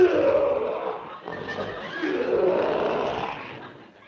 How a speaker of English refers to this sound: Wasn't me, fresh guy. That's that lion in that cage over there. Oh. Ferocious-looking beast, ain't he?